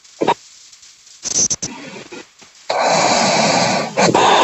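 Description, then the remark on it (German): Rough, breathy noises over a telephone line from a radio phone-in caller from Oberwalfer who seems to have fallen asleep: a few short snort-like bursts, then a long stretch of loud, hissing rush, like someone breathing heavily or snoring into the receiver. “Hat die gerade geschnarcht? Ich glaube, die ist eingepennt.”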